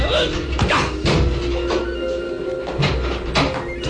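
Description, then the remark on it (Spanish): Several heavy thuds of a man slamming his body against a door locked from the inside, repeated at uneven intervals over a steady background rumble and noise. “tomó impulso y estrelló su cuerpo contra la puerta.”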